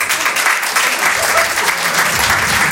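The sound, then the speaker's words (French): An audience of people in their thirties in a hall claps steadily in a dense, continuous burst of applause, loud, without pause for a few seconds. “Il y a des trentenaires par applaudissement dans la salle.”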